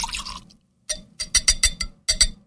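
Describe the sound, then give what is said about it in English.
Bourbon whiskey with a little water pours over a single ice cube in a rocks glass, with a brief glug followed by a run of bright, clinking splashes and drips, fairly loud, with no talking. “I am putting it on one cube in my rocks glass.”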